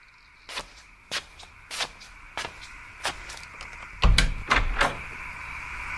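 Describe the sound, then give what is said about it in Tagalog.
A room door rattles and bangs in a series of sharp, evenly spaced knocks, ending in heavier, louder thuds as it is pulled open, with no voices. “Buksan hey! Yung pinto!”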